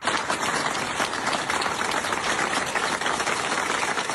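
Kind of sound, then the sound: crowd, staff applauding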